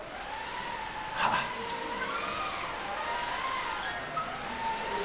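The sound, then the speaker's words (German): A school class, class 3A, imitates wind for a pretend sailing boat, blowing and howling with rising and falling pitches over a steady breathy whoosh, continuous throughout with a brief louder gust near the start. “Und zum Segeln brauchen wir vor allem erstmal Wind. Und den kriegen wir von der Klasse 3A.”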